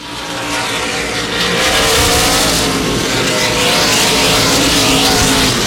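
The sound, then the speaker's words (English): Loud racing engines roar continuously as NASCAR Craftsman Truck Series trucks race at night in the TS Sport 200 at Lucas Oil Indianapolis Raceway Park, twenty laps to go under the green flag, with engine pitch rising and falling as they pass and a dense wall of motor noise throughout. “Twenty laps to go here tonight in the TS Sport 200 for the NASCAR Craftsman Truck Series at Lucas Oil Indianapolis Raceway Park, continuing under the green flag, and Lane Riggs continues to lead this event”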